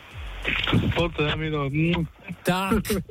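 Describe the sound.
A voice gives a few drawn-out vocal sounds, then a short, sharp smacking kiss pops out, followed by a second quick smack right after. The kiss comes from a contest winner's partner.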